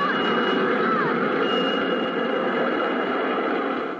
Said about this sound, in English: Why, it sounds like... Margot, get against this wall, quickly! It's a subway train! Come on!